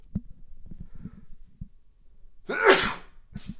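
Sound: sneeze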